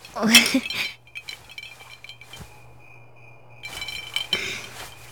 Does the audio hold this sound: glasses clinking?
yes